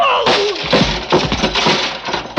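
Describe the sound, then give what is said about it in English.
A heavy steel pulley block, hurled hard at a person, slams down with a loud metallic crash, followed by a rapid series of harsh clattering impacts and rattles over a couple of seconds. “He slammed the block at me with everything he had.”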